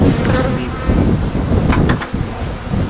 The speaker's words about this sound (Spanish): Ahora vamos a abrir estas y vamos a coger las abejas. Ahora, para que la gente que no ha tenido la oportunidad de bajar pueda ver las abejas.